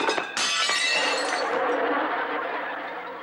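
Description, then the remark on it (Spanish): Plates crash and shatter, a loud burst of breaking ceramic and glass followed by a long jangle of scattering shards that slowly fades. “¡Mis platos! ¡Uy! ¿No te dije que tuvieras mucho cuidado?”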